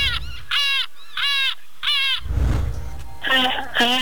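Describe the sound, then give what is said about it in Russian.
Four shrill, rising seagull cries in a quick series over a low rumble, then a brief wash of noise and two lower, voice-like squawks of a person imitating the gull's calls. “Неплохая такая чайка из тебя получилась.”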